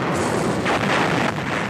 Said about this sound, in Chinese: 巨大的炮声传来，我们可以听见坦克加速前进的响声。